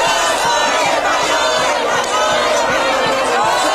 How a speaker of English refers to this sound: And Spain's through to the semis at the FIFA World Cup after defeating Belgium 2-1 in the quarterfinals. Fans erupting at a public watch party in Madrid.